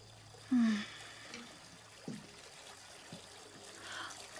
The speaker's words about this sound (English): Oh my God! The water! Oh, goodness! I was running a bath before you walked in.